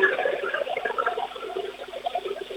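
A toilet flushing: a steady rush of water with gurgling, bubbly churning that continues for the whole couple of seconds without easing off.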